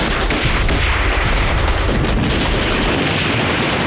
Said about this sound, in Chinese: 哎，老爷，啊，你听，这枪声稀了不少。